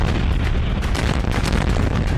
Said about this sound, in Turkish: ABD İran'ı defalarca vurdu. Bender Abbas, Keşm, Kiş, Ebu Musa adalarında patlama sesleri duyuldu.